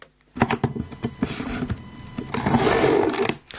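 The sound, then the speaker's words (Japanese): Cloth duct tape (gum tape) being pulled off a roll: a rapid, crackling ripping sound, starting with a few sharp ticks and then a steady, loud tearing rasp that swells toward the end before stopping abruptly. “確かにね、 もう絶対これガムテープだ。だってミュートしてるもん。”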